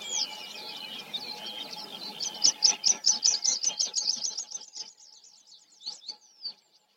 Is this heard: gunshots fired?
no